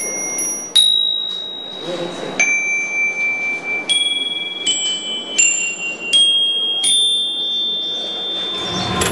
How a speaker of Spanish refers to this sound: Hoy en día, las campanillas son la atracción principal.